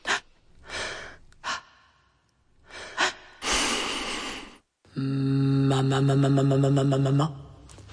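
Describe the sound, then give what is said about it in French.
A series of sharp breaths and gasps, then a long rushing exhale, followed by a sustained, pulsing voiced tone that holds for a couple of seconds. No one speaks. “Rythme et respiration.”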